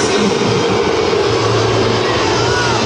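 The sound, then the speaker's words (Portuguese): A stadium crowd boos Luiz Castro loudly and without pause, a dense, sustained roar of low, droning voices that holds steady for about three seconds with no one speaking over it. “E agora, claro, vai ter vaia para o Luiz Castro também.”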